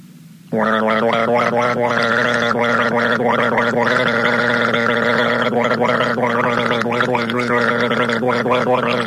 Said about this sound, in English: But not until I have another guzzle of this,